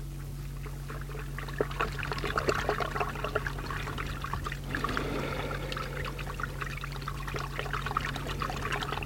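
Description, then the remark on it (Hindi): Water is poured and splashes in irregular bursts as a woman bathes, a steady wet splashing with dribbles and trickles, over a low constant hum, with no one speaking. “नहा तो लूं पहले।”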